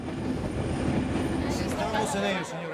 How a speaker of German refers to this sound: Am Bahnhof von Barcelona herrscht Chaos. Ein Zug ist ausgefallen. Das bringt die Einheimischen so richtig in Wallung.